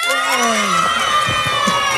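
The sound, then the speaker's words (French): A crowd of children in an audience shouting and cheering at once, a dense, high-pitched wall of voices that holds steady and loud for the whole two seconds. “Et les enfants, montrez-nous que vous savez faire du bruit.”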